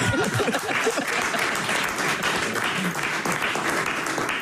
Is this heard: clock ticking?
no